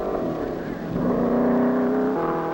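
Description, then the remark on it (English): A loud, steady engine roar with rising harmonic whine as a hot rod race car speeds past, recorded at the board under the starter stand as car after car (T roadsters, belly tanks, chopped coupes) goes out; the pitch climbs and then shifts slightly near the end; no voices. “T roadsters. Belly tanks. Chopped coupes.”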